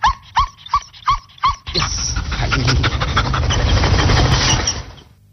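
Cobra Kai, a female dog of Portugal's GNR, at the microphone lets out five quick, sharp barks in a row, then breaks into a long stretch of loud, rough panting and snuffling. No one speaks.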